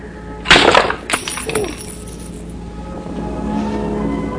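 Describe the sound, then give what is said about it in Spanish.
A piggy bank is smashed against the floor: a sharp crash at about half a second bursts into scattered clattering pieces, followed by a second smaller impact and fading rattles over a low steady background hum. “Rompió la alcancía contra el suelo, de un golpe seco haciéndola pedazos.”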